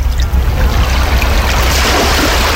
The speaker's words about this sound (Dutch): Oei, wacht, er is hier nog water aan het spelen. Dat is een beetje gek.